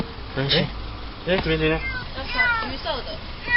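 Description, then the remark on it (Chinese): An orange kitten trapped in the engine compartment of a roadside car in Gushan District, Kaohsiung, meows twice, thin and high-pitched, with short plaintive cries, followed by people talking quietly over a faint background hum. “高雄市警局古山分局龙华所员警到场，确定有一只幼猫受困在路边车辆的引擎室内，随即通报动保处，并与现场热心民众展开救援。”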